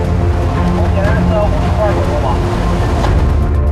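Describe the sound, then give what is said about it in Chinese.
A large ship's main engine runs steadily, a loud, continuous low rumble with a droning hum, while muffled voices briefly murmur underneath. It is the main engine of the ship Northern Lights Phoenix (北极光凤凰号) during its first ignition test run at Dalian Shipbuilding Offshore (大船海工), with the propeller turning slowly. “主机顺利点火，意味着大船海工距离交船又迈出了一大步。”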